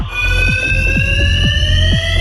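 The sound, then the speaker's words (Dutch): A parking garage fire alarm rings continuously and loudly at night, a steady shrill tone with a rapid repeating clang pulsing several times a second, echoing. No one speaks. “Dit geluid klinkt meerdere nachten per week uit een parkeergarage daar.”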